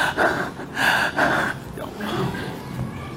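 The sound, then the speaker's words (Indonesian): A person imitates the ragged, broken breathing of an aging parent: a few sharp gasping inhales in quick, uneven succession, then softer, strained breaths trailing off. Fairly loud, with no speech. “Napas sudah mulai terpenggal.”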